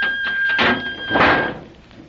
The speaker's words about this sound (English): Step back and close the door at once.